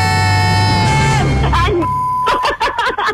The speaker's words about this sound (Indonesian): Gila. MC-nya. MC langsung kita kasih bip nih.